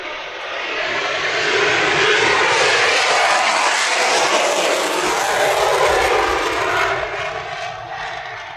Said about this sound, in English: Yeah, we're not competing with that. No. F-22 on the way out, and out we have another. So, stand by.